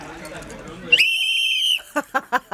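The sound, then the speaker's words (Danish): A loud, sustained whistle from people at a party in Fælledparken cuts through crowd noise, holding a steady high pitch for nearly a second, followed by several short, rhythmic bursts of sound. “Det kan være, at I lige kan fløjte festen i gang.”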